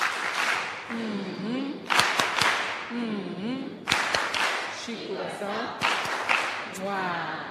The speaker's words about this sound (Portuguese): Queria pedir aos meninos aquelas palmas carinhosas para a nossa Presidente e a Assembleia da República.